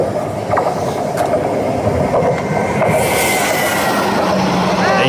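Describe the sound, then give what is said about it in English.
A freight train sound effect plays: a train rumbles steadily along the tracks, loud, with rhythmic clattering and metallic clicks and a rising hiss in the second half. “You need a freight train.”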